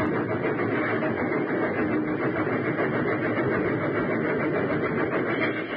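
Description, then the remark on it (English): A train engine roars steadily and loudly, a dense, unbroken rumbling rush that holds at the same level throughout, with no voices, as it rushes into a snow shed that protects the winding rails from drifting snow, its cars following one by one. “Nearer and nearer it came, until finally the engine rushed into the funnel. And one by one, the cars followed.”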